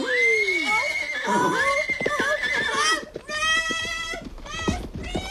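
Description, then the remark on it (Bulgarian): A horse neighs loudly, a long shrill whinny with a wavering, falling pitch, followed by several shorter shaky bursts and snorts across a few seconds. “Сега се качвам на коня и препускам.”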